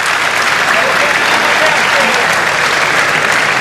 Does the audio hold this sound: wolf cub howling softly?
no